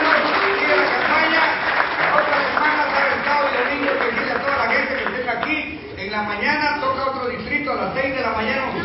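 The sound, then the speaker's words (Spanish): An audience breaks into loud, sustained applause for Christ, a dense steady clatter of many hands that briefly dips midway before swelling again, with voices and cheers mixed into the clapping. “Un aplauso fuerte a Cristo.”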